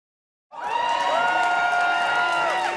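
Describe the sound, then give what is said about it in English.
After a brief silence, a crowd of Quebec separatists packed into a Montreal nightclub bursts into loud, sustained cheering as election results come in on October 5th, 2026, with many voices shouting and whooping together at a steady, excited level until the end. “Celebrations at a party for Quebec separatists. They're watching election results come in on October 5th, 2026.”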